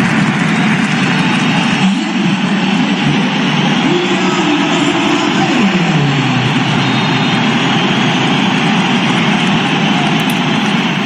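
A huge crowd of Spanish fans at the Bernabéu stadium boos and whistles without pause at Kylian Mbappé as he comes on as a substitute, a loud, dense roar with shrill whistles riding over a deep, steady rumble of jeering for the whole stretch, with little applause.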